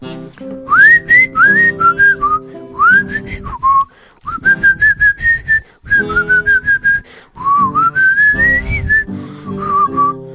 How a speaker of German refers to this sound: Ich pfeife erstmal.